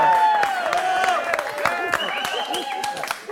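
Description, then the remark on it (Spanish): An audience at a cabaret claps steadily, the dense patter of many hands lasting throughout, mixed with excited shouts and whoops from the crowd. “¡Un aplauso!”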